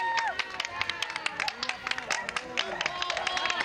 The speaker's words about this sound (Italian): Ecco la sonorità di questo momento, un applauso, il passaggio del Santo Padre in questo momento davanti ai nostri occhi. E dunque un momento molto emozionante.